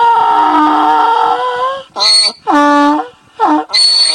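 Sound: donkey braying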